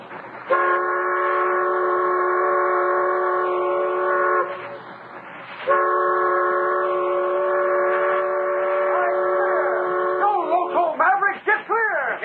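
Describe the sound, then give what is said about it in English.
A supply train sounds two long, loud, steady whistle blasts separated by a brief pause, dominating the scene, followed by a few short, excited shouting voices at the end. “Oh, nobody'd hold up a supply train.”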